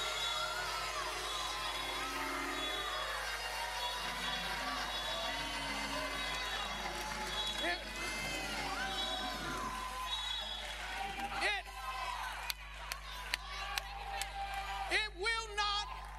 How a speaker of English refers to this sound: And that's the reason you ought to be shouting for about 10 seconds.